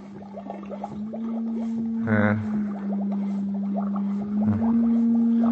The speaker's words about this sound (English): Encephalograph.